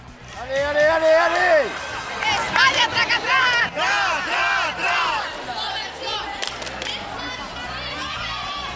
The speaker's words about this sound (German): Und schließlich rennt ein Hund nach dem anderen um Punkte. Angefeuert und bejubelt in den Sprachen der internationalen Hundewelt.